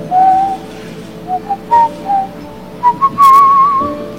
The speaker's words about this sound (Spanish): Así. Todavía silbo.